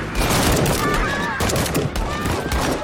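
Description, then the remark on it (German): A loud rifle volley from a Syrian Assad-regime firing squad executing people sentenced to death, after the commands to aim and fire: a rapid burst of overlapping cracking shots over a dense, sustained din, with faint voices beneath it. “Ihr werdet hiermit zum Tode verurteilt.”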